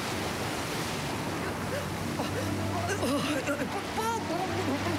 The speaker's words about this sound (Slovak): Búrka a morské vlny ju opäť strhli pod hladinu. Ježibaba musela o dušu plávať, ak si chcela zachrániť aspoň holý život. Morské vlny si ju pohadzovali ako mokrú handru, až kým ju tá najväčšia nevyplavila na pobrežie.